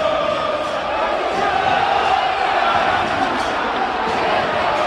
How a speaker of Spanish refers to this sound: Bueno, hay insultos, ¿eh? Sí, hay malestar. Hay malestar, está caliente la gente de Racing.